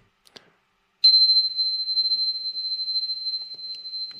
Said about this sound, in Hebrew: וכמובן הגוון של הצליל, יש צלילים בכל מיני תדרים, אפילו פעמונים. לדוגמה, הפעמון הזה,